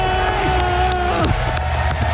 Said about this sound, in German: Hört mal, wie das Publikum da abgeht.